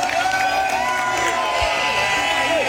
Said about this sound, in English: Craig Ferguson is like a rock star as he enters the Common with thousands of people, many in kilts, cheering, reaching out to touch him, and spraying champagne.